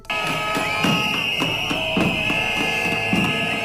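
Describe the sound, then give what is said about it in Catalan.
A crowd, including public-school teachers and health-sector groups, blows whistles in protest at Feijóo's arrival in Sueca, making a loud, unbroken shrill tone throughout, with rhythmic low thumps or chanting pulsing underneath about every half second. “A més de xiulada, han rebut a Feijóo a Sueca professors de l'educació pública que mantenen les mobilitzacions després de la suspensió temporal de la vaga indefinida i col·lectius sanitaris.”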